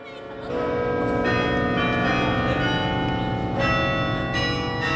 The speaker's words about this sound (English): At Yale's campus in New Haven, Connecticut, the bells ring every lunchtime.